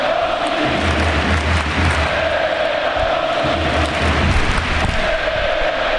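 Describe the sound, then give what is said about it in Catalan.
A huge stadium crowd at FC Barcelona's Camp Nou roars continuously, applauding and singing to Robert Lewandowski, applause and collective chanting blending into a dense, steady wall of sound with rhythmic low swells of voices throughout. “Mentre la gent l'aplaudeix i li canta, escoltem el Camp Nou.”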